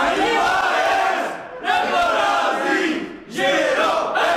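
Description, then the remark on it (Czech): Football players of the Žirov team, from the Pelhřimov area, shout a loud rhythmic victory chant together, their voices rising in bursts with two brief dips between phrases before the chorus of yelling surges again. “Vítězný pokřik mají hráči žirovského týmu nachystaný.”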